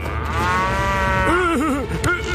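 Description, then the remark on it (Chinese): A dairy cow at the White Cloud Ranch moos loudly, a long sustained low call that bends and wavers in pitch toward the end, with no one talking over it. “别叼我的奶牛，要叼就叼我吧。”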